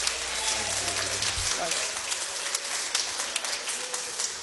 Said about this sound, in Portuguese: Vamos receber o servo do Senhor com alegria, com palmas para Cristo. Bem alegre as palmas para o Senhor.